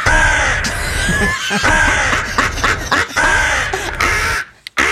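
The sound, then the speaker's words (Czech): A raven caws loudly, a rapid series of harsh, croaking calls that overlap almost continuously before cutting off into a brief silence at the end. “To je Edgar Allan Poe, to je Krkavec.”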